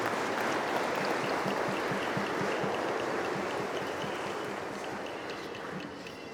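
A crowd at the festivities of Saint Francis of Assisi claps steadily and densely for several seconds, a continuous wash of many hands that stays loud and tapers off slightly at the end, with no voices standing out.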